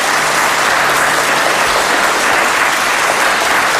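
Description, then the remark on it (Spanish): A group of schoolchildren clapping steadily for radio listeners, a dense, continuous patter of many hands at even loudness for a few seconds, with no voices standing out. “A ver, ese aplauso para que nuestros oyentes os escuchen.”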